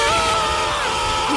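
A single loud, sustained scream sound effect with a strained, wavering pitch, lasting just over a second and sounding harsh, with no talking alongside it.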